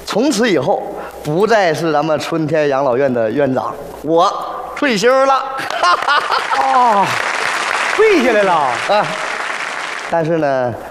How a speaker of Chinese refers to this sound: 五、四、三、二、一，鼓掌！